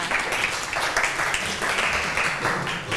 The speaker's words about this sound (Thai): ขอเสียงปรบมือให้เพื่อน